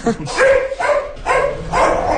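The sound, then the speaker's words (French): Dogs bark at Mistral, a horse trying to steal the goats' food at the Granja Champs-Élysées farm, in a quick series of loud yelps and woofs, about four bursts in two seconds, with a steady outdoor rumble underneath. “Les chiens savent qu'il n'a pas le droit de faire ça.”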